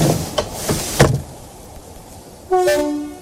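A moving train rattles over the rails with several sharp, evenly spaced clacks, then a loud, steady train horn sounds for the last second. No voices are heard.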